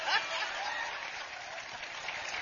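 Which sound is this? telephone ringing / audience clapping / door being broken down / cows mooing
audience clapping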